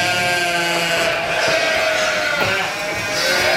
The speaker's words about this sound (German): Schafe mitten in der Großstadt. Im Nordteil des englischen Gartens, da grasen derzeit mehrere Dutzend Tiere auf den Wiesen.